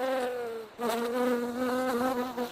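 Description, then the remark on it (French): Steady buzzing of bees, a rich droning hum with a brief dip before it swells again and continues without pause. No voices, just the insects humming. “Sans plus tarder, je vous laisse écouter nos abeilles au micro.”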